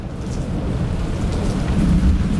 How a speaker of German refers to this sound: So auf einer Terrasse raushocken, schön am Schärmen und ein bisschen Gewitter zulassen.